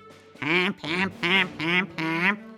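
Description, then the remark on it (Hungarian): Five loud, nasal quacks and honks in a steady, evenly spaced rhythm, alone: a goose and a duck calling together, singing at the same time. “A liba a kacsára nézett, csőrével intett, hogy nosza.”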